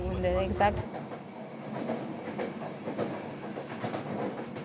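train running on rails

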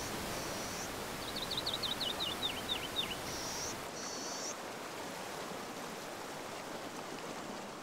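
river water flowing

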